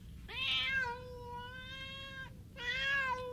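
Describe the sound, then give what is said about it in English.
A starving kitten meows twice, a long drawn-out cry followed by a shorter one after a brief pause, high-pitched, with a low rumble of background noise underneath. “We don't have food for ourselves, and you want to take along a starving kitten?”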